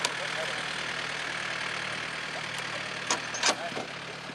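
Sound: tractor engine running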